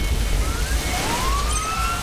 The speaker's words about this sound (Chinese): 每当鸣着警笛的消防车驶过，就意味着又有人身处险境。